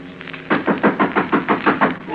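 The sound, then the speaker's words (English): A rapid, steady series of about eight knocks on a door, moderately loud, starting after a brief quiet pause, with no voices. “Someone's at the door.”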